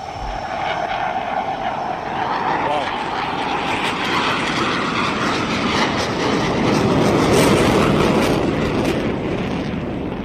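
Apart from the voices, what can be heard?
fighter jet roaring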